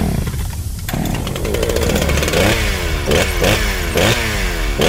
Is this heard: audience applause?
no